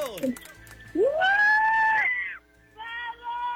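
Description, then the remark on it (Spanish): A group of quiz contestants, celebrating correct answers, lets out a loud, sustained, excited shout lasting about a second, followed by a shorter, quieter whoop as the cheering tapers off. “¡Échense un grito!”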